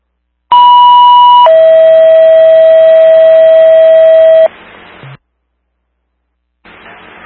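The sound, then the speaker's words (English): Loud, steady dispatch paging tones toning out a fire crew: a one-second high tone followed by a longer three-second lower tone, then a brief burst of radio static and a short squelch tail. “She's going to be on the south side, Hy-Vee's call, tone him out.”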